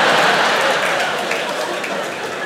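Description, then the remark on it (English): A subdued round of audience applause for Xanax, a steady wash of soft clapping that holds level for a couple of seconds without cheers or whoops, then tapers slightly toward the end. “Very muted claps for Xanax. You don't really get woos.”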